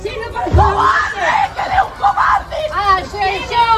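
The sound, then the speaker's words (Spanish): Dozens of neighbours shout angrily together as two people accused of a killing arrive in a town in the province of Badajoz, Spain; loud overlapping yells of "murderer" and rising jeers form a continuous hostile clamour. “Esto que escuchas es lo que gritaban decenas de vecinos que se congregaban a su llegada, por un lado para mostrar su rabia, como escuchábamos, con gritos de asesinos, asesinos, y por otro para acompañar a la familia”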